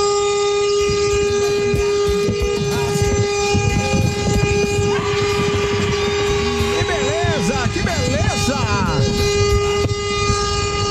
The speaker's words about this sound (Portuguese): Cara, aí, nossa senhora, esse buzinou que não tá nem aí pra nada na vida, né?